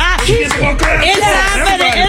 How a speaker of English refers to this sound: Oh, why are you still clapping? You better keep clapping. Keep clapping for me.